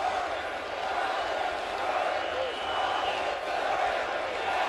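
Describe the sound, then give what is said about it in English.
A big stadium crowd at a Mets baseball game roars and cheers during a ninth-inning at-bat against pitcher Mayo, in a dense, steady wall of sound that holds at full volume throughout, with no single voice standing out. “And listen to this crowd.”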